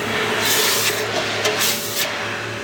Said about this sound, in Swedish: Då tänker jag droppa den här i hinken nu. Jaha. Kommer att pysa och fräsa och greja.